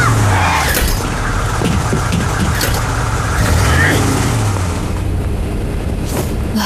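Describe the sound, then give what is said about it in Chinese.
A car heading toward the Hale Desert drives past with a loud, steady low engine roar and a broad windy hiss, swelling slightly midway before easing off, with voices faintly mixed in. “那辆车是去哈勒沙漠的，就是赵伯伯他们走的方向。”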